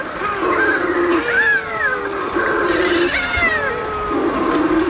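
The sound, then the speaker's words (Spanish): Several Balearic shearwaters, an endangered species breeding almost only in the Balearic Islands, including the Cabrera archipelago, call in an overlapping chorus in pre-dawn darkness as they come to their nests: wailing, hoarse cries that rise and fall in pitch, mixed with harsher croaking notes, continuous and fairly loud with no voices. “la pardela balear, que es una especie que cría solo en el Mediterráneo, casi solo en Baleares, está en peligro de extinción y tiene una voz aún más sutil.”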